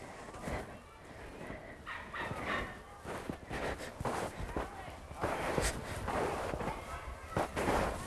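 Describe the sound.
Crunchy footsteps of a person walking in ordinary shoes, without snowshoes, through deep snow that gets into the shoes, in an irregular series of soft compressing thuds, with faint voices in the background.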